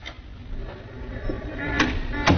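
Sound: door being opened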